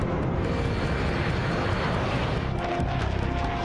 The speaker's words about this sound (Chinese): 首长，他们好像来了，能听到飞机的轰鸣声。 听到声音，可是看不见他们。